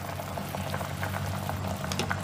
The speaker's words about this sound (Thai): ใส่กระดูกหมูลงไปนะคุณผู้ชมรอน้ำเดือดอีกทีนึงแล้วเดี๋ยวเรายกขึ้นค่ะเอาล่ะเนี่ยคุณผู้ชมพอเดือดแล้วค่ะ